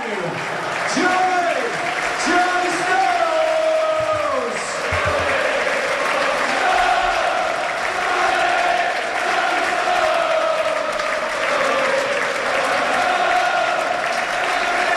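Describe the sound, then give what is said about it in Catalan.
A big stadium crowd applauds steadily for the whole stretch, a dense, even roar of clapping and cheering while a voice speaks over the top, as Manchester City's Stones leaves the pitch in a farewell tribute through a guard of honour of both teams' players, himself applauding from midfield. “Una altra vegada el passadís, ell aplaudint des del mig del camp.”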